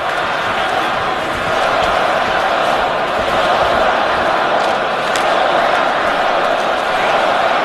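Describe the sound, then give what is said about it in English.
A large crowd of hockey fans roars steadily in an arena, cheering on the Canadiens as they build up an attack against the Predators in the third period, tied 2-2; a dense, loud wall of cheering and voices that holds without a break, with faint thuds and squeaks beneath it. “Fans cheer on the Canadians as they build up.”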